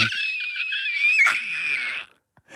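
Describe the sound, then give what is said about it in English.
A strained, breathy scream from a person who breathed in deeply and pushed all the air out, trying to scream as hard as they can, held for about two seconds before cutting off into silence, followed by a faint breath. “Is that you trying to scream as hard as you can?”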